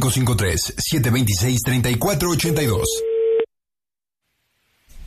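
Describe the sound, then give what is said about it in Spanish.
Busy talk over music on the Panda Show radio prank call gives way to a single steady, mid-pitched telephone busy tone lasting about a second after the called person hangs up, then the line cuts to silence. “¿Por qué colgó el teléfono?”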